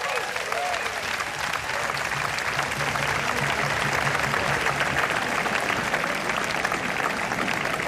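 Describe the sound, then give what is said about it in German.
Steady, dense applause from an audience for Sandro, who stepped in at short notice to play: a continuous wash of many hands clapping at an even loudness for several seconds with no voices standing out. “Ganz herzlichen Applaus für Sandro.”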